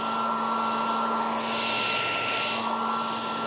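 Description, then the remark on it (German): A hair dryer runs steadily, a loud, even whoosh of airflow with a faint motor whine, holding constant without pauses or change in level; a looped sleep sound for babies offered by the baby-sleep company Träumeland. “Die beliebtesten Sounds sind aber eigentlich der Staubsauger sowie das Meeresrauschen und der Föhn.”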